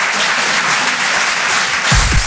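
A crowd applauds steadily, a dense wash of many hands clapping at an even, loud level throughout, with a brief low thump near the end.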